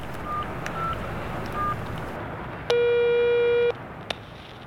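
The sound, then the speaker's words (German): A telephone ringing tone heard through a mobile phone handset while calling a friend: one steady, buzzy tone lasting about a second, preceded by a few faint short beeps, over a soft hiss with no talking. “Los, rufen wir sie an.”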